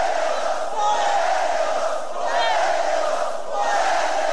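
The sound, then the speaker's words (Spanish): A crowd shouts together in a loud, sustained roar, with overlapping voices rising and swelling in waves and no break for the full few seconds. “No griten.”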